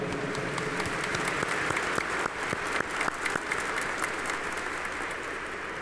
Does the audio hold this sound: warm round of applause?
yes